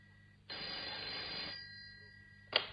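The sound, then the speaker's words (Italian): A telephone bell rings once in a sustained, jangling burst lasting about a second, followed by a quiet pause and a short sharp clack near the end, with no one speaking. “Ah, finalmente ti sei degnata di telefonare?”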